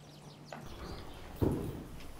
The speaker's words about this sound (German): Manche der barocken Reitübungen klappen schon sehr gut. Wie diese Levade.